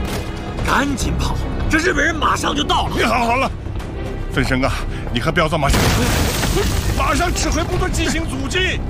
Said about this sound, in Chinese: 这是日军的迫击炮啊！听，还有92步炮的爆炸声音，这是重机枪的声音。